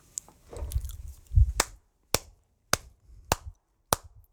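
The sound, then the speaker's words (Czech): Five slow, evenly spaced handclaps ring out, each sharp and distinct, following a moment of soft rustling and low thumps, like a lone person giving deliberate applause. “Slyšíš ten potlesk, jo?”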